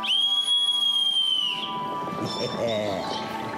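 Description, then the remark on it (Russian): A silver whistle, blown to call servants, gives one loud, steady, shrill blast lasting about a second and a half, then cuts off into a jumble of faint chattering and bustling noise. “Сейчас позову слуг. Видишь, вот серебряный свисток.”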